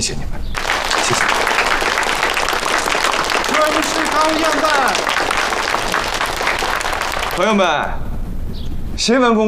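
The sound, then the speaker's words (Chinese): A large audience bursts into loud, sustained applause lasting several seconds, with a few voices calling out within it, before a man starts speaking near the end. “从各位的掌声中啊，我可以感受到朋友们对目前时局的关切，对中国共产党态度的关注，以及对我本人的关爱。”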